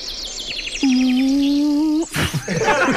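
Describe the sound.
A voice imitates a cow mooing, playing a typical Montjuïc cow grazing in a field, with one steady, drawn-out low note lasting just over a second, while birds chirp faintly in the background; a brief noisy rustle follows.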